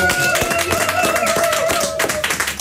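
A crowd claps steadily for a couple of seconds, dense overlapping hand claps with a sustained tone humming underneath, then the applause thins out.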